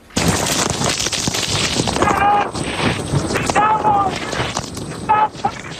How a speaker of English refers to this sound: And you can hear the fierce winds there drowning out meteorologist Reed Timmer as he tried to report on the storm